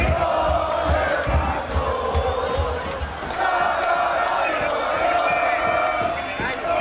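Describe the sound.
A loud, dense street crowd at the Puerta de Jerez in Seville, Spain, celebrates the Spanish national football team winning its second star, during a long night of celebrations, with continuous shouting, chanting and cheering voices overlapping throughout, and low thumping beats underneath.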